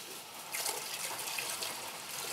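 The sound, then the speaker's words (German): A steady, splashing stream of alcohol poured from a bottle, the whole bottle emptied at once; a bright gurgling rush that swells slightly partway through and runs on continuously for a couple of seconds, with no talking. “So, und jetzt Alkohol. Direkt die ganze Flasche.”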